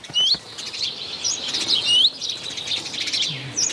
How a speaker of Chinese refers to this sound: 雀鹰站在屋顶上，观察着周围的动静。一只赭红尾鸲发现了它，随即发出警报。